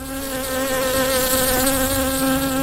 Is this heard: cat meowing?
no